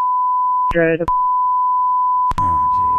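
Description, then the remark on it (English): A steady, loud electronic censor tone runs almost continuously over a 911 call, bleeping out an address. Two brief bursts of speech break through, one near the start and a longer one toward the end. “His address got get beeped out.”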